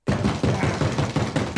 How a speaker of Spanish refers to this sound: Otra vez golpeándome la puerta.